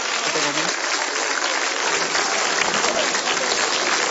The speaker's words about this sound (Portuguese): Já vamos receber o servo de Deus com palmas bem forte, bem alegre para Jesus.